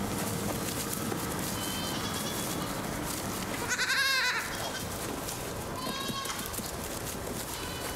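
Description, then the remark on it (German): Young goats bleat against a constant rustling background: one loud, wavering cry at mid-clip, with fainter, shorter bleats before and after it. “Aber es stimmt, die Schafe waren besser, robuster als die Jungziegen.”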